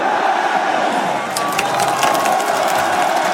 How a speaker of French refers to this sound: Très applaudi le Portugais. Évidemment.